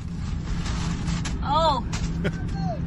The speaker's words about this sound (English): This is me driving back home from the spa with the balloons in the car. How many do you reckon are we dealing with here? Oh, let me see. There was 1, 2, 3. I think there were 7.